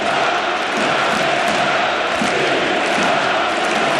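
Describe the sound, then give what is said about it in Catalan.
A huge stadium crowd at an FC Barcelona football match chants the Catalan independence cry in unison at minute 17:14, with estelades in the stands, a loud, dense roar of voices that holds steady without pause for the whole stretch. “Es recupera el crit d'independència. Amb estelades a la grada.”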